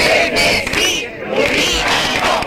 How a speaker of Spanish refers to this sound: En la aldea esta mañana, con gritos de Chernesí, Lubinas no, unas 1.000 personas han manifestado contra una piscifactoría que se prevé instalar en su costa.